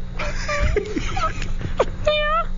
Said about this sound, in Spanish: Dice, el zorro es gañido. Gañido. Del verbo gañir, que es un ladrido ronco, corto y aspirado. No, lo que escuchamos era como de a ver, ponlo otra vez. Una hembra en celo, ¿no?